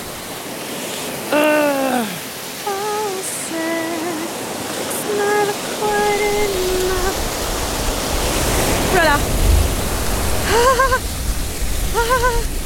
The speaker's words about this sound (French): Alors, le rituel, quand même, c'est de se baigner dans chaque source d'eau froide qu'on croise, non? On va prendre des points de vie, là, en fait. Ah, allez, les fesses. C'est extrêmement, extrêmement, extrêmement froid.